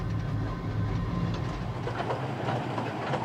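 A train on the Kurobe Gorge excursion railway rumbles steadily along the rails as the line winds along the gorge, with a continuous low roar and faint rhythmic clacking of the wheels, no voices present.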